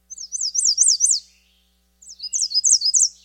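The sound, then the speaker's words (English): American Redstart song: two clear, high-pitched bursts of rapid, repeated chirping syllables separated by a short pause, fairly loud with no other sounds. “Their song is extremely variable and often alternates between different strings of syllables that rise or fall at the end.”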